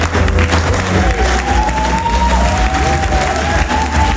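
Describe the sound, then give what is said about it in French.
Dense, steady audience applause of citizens and elected officials, with cheering voices mixed in and faint background music carrying a sustained tune underneath, as Olivier Galzi, mayor of Avignon, arrives on stage. “Sur fond musical et sous les applaudissements, Olivier Galzi arrive sur scène.”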